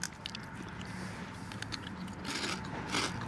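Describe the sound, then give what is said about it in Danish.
People crunching on sea-salt chips while taste-testing them, a steady stream of crisp, dry crackles and snaps, with several bites overlapping and no talking. “Ja, der bliver knaset.”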